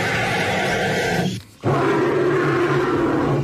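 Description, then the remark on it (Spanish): A bird's loud, raspy call that sounds like a dinosaur roar: a long growling blast, a brief break, then another sustained, harsh, rumbling roar. No one speaks. “¡Los dos son pájaros!”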